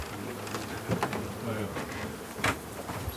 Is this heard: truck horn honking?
no